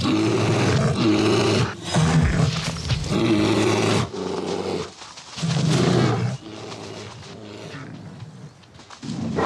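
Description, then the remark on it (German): Rival male bears roar and snarl while fighting over females ready to mate, loud, repeated bursts, deep throaty growls surging and breaking off in quick succession with brief pauses between, no voices present. “Erbittert kämpfen die massigen Kraftpakete um paarungsbereite Weibchen.”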